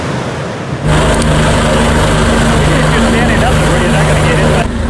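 A loud, steady mechanical drone with a low tonal hum of a rescue helicopter flying overhead at Grand Canyon National Park during flash floods, starting abruptly and holding constant for several seconds.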